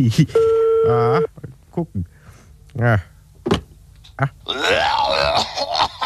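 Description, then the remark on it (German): A steady electronic telephone tone sounds for about a second as a telephone is dialed and rings, placing a call to a clinic, then gives way to scattered voices and mouth noises. “Bringst mir jetzt zum Telefon, ich will mal bei Kurt anrufen, in der Klinik.”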